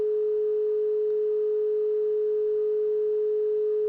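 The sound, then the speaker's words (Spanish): A telephone sounds a single steady, mid-pitched electronic tone that holds unbroken for about four seconds, with nobody talking over it. “Estamos por acá escuchando el teléfono, oiga eso.”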